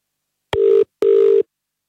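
A telephone ringing tone before the call connects: two short, steady electronic buzzes in quick succession, clear and fairly loud, with no voices.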